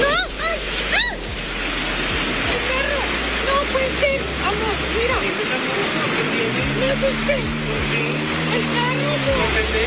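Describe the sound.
Loud, steady roar of rushing floodwater surging through a street, a current from a large amount of water and runoff that swept away several vehicles, continuous, with indistinct voices calling out over the churning current.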